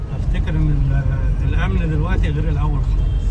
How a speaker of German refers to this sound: Er lenkt sein Auto weg vom Tahrirplatz, weg von der Politik, die seinem Land kein Glück gebracht hat.